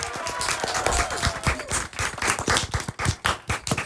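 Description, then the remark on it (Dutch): A crowd applauds a team that finished fourth this year: many hands clapping in a dense, irregular patter that stays loud throughout, with a few faint whistles or cheers mixed in. “Wat mij betreft, ja, nogmaals onwijs groot applaus voor jullie zelf.”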